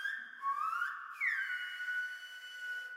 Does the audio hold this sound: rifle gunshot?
no